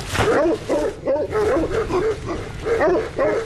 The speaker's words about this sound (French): Est-ce que vous pouvez me montrer vos patous ? Pas de souci. On peut faire un petit tour ? Ils vont aboyer.